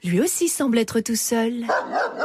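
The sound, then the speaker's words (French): A person speaks briefly, then an approaching dog lets out a few short barks that overlap the end of the talking. “En effet, un chien se dirige vers eux.”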